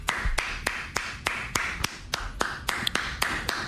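Steady hand clapping by a man applauding because he was wrong: about a dozen sharp, bright claps at an even, fairly quick rhythm, with no one talking over them.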